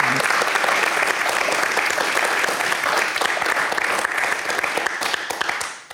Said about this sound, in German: Applaus für Karin Fleischanderl.